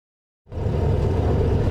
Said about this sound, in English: We're aboard a Black Mamba, a Mexican-made armored car. Just a small part of the country's huge security effort to protect the world's teams and fans.